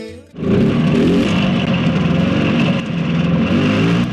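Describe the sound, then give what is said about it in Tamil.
A motorcycle engine is started for a ride, kicking to life with a sharp onset, then settling into a loud, steady revving rumble that holds for several seconds with slight dips in pitch. “வாங்க பைக்ல போயிட்டு வந்துடலாம். ஆ சரிப்பா, இப்பயே போவோம், பைக் எடுப்பா.”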